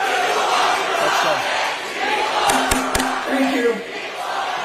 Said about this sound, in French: On les entend crier People Over Profit dans le New Jersey.